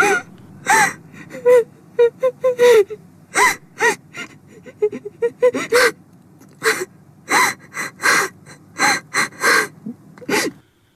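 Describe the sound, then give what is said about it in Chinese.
A woman cries with held-back, gasping sobs as she snatches up clothes from the floor and runs out of a shop: a rapid, uneven string of sharp breaths and choked whimpers, fairly loud, continuing for around ten seconds with no talking. “那妇人失神地看着众人，突然弯腰胡乱抱起地上的衣物，带着隐忍的哭声跑了出去。”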